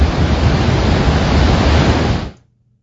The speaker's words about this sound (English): It was an interesting sight to see when the water started rushing out of the spillway at Gardner Dam here on Lake Diefenbaker. Now, the water was actually a lot louder than I thought, and it's a sight that we haven't seen in 6 years.